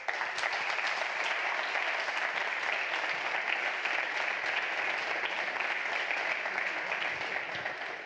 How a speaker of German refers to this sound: Großen Applaus für alle Nominierten.